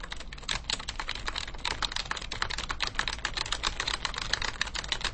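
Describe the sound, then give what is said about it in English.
Rapid, steady typing on a computer keyboard, a dense run of crisp key clicks continuing for several seconds with no voices, over a faint low hum. “Now that, doesn't that sound good on the microphone typing into a keyboard?”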